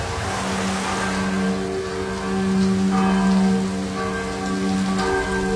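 Steady, heavy autumn rain, driven in squalls from the south around a small islet off Preko, hisses across a surface without a break, with a low sustained hum running underneath and the downpour swelling slightly midway. No one speaks.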